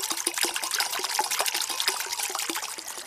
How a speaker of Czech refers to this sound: Takhle krásně, tady žbluňká nebo zurčí voda, je tady takový kovový mlýnek a my už jsme na bohlibém místě. Nacházíme se v lesích Maternice, je to nedaleko Hronova.